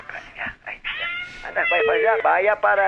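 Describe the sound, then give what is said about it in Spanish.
A cat meows repeatedly and insistently, several drawn-out, wavering cries, growing louder and more continuous toward the end, with a few shorter calls early on. “Vaya a maullar allá en la casa donde le dieron atún.”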